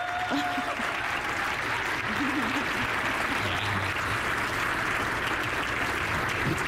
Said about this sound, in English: Please, again, clap for these folks.